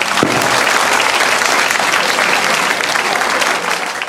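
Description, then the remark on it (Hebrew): A crowd breaks into sustained applause for Bnei Baruch, dense clapping that stays loud and steady for about four seconds before easing slightly at the end, with no talking over it. “זה בני ברוך, חבריה, כפיים לבני ברוך.”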